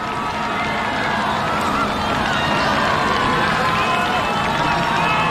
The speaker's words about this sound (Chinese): 越接近主场看台啊，就能够听到现场观众的欢呼声越大。